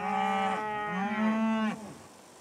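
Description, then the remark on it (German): Longhorn cattle mooing on a family farm's pasture where about 100 Longhorns graze, two long, loud calls, the second rising slightly in pitch before breaking off abruptly, with a low rich harmonic drone and no talking. “Auf den Wiesen der Familie Primär weiden rund 100 Longhorn-Rinder.”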